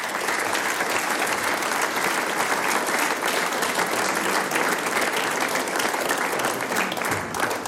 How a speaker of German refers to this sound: Mit Applaus geht es natürlich am besten.